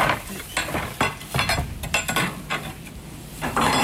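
Electric sheep shearing clippers run in a continuous rough, hissy buzz, broken by frequent sharp clicks and rattles as the blades work through the fleece; no one speaks.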